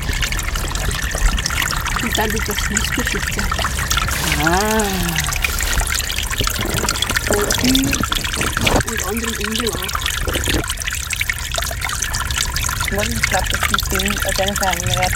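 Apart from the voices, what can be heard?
small brook trickling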